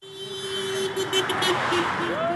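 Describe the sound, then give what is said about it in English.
Car horns honk in sustained and broken blasts over a steady wash of busy traffic on a main road in Allentown, Pennsylvania, as people gather waving protest signs, their voices faintly murmuring in the background. “Cars honk as people gather along a main road in Allentown, waving signs protesting the GOP-controlled Congress.”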